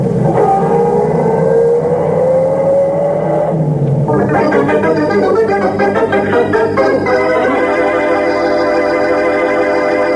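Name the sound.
car driving away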